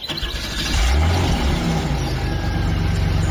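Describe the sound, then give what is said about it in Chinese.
A car engine rumbles loudly and steadily as the car carrying Dai Jitao and Chiang Kai-shek pulls away on Dai's order to the driver, a deep low drone with road noise and no voices. “汽车远去之后，陈延年兄弟还久久看着自己手中的沾满泥浆的烧饼。”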